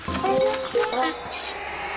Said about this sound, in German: Auch wenn sie sich anhören wie Bunsenbrenner, es sind Eulenbabys. Mit Appetit.